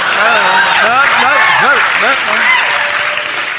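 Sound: audience applause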